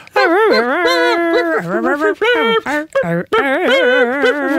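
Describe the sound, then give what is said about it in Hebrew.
A puppy in Mitzpe Ramon, one of six born on a bed, whimpers and howls, its loud, whiny cries rising and falling in pitch across several drawn-out calls with brief breaks between them. “אני חושב שזה שהגענו בכוחות עצמנו לזה שזה במצפה רמון, והגענו בעזרתה של יולי לזה שזה כלבלב, זה קרוב מספיק.”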